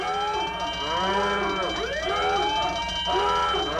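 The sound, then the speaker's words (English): A loud alarm siren wails continuously, its rising and falling tone sweeping in overlapping arcs, with several sirens layered together and no voices. “The alarms are going off.”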